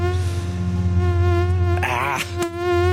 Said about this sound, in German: Die Mücken sind unterwegs. Jetzt, wo es doch mal mehr geregnet hat nach der Hitze, das ist ja wirklich ideales Mückenwetter.